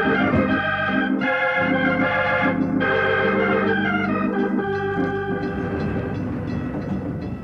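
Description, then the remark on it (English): A freight train boxcar begins to roll with a loud rumble, continuous metallic grinding and tonal squealing from the cars, steady throughout and no voices. “Here I am under the boxcar, and it isn't moving yet.”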